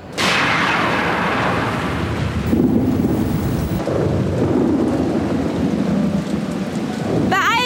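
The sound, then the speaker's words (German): A loud thunderstorm: heavy rain hisses steadily while deep thunder rumbles and rolls through the whole stretch, powerful, with no voices. “Wenn sich die Spannung zwischen positiv und negativ entlädt, blitzt es.”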